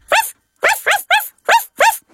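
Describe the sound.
A voice imitates a puppy barking in answer to a question in a game about the sounds animals make, giving six short, bright yips in a quick uneven rhythm: one, a pause, then three close together and two more, each with a rising-falling pitch.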